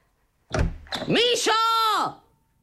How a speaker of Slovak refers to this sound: Netrieskaj tými dvermi.